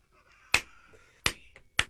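Three crisp finger snaps, fairly loud, spaced unevenly over two seconds against a faint background hum, with no talking.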